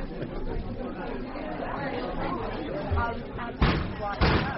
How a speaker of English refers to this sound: That's him over there hitting the coffee machine.